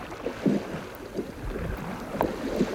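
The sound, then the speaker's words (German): A small boat moves slowly through the water in the dark under a steady low rumble and wind noise, with a few soft splashy knocks, as it is steered in to land. No one speaks. “So, leg hier an”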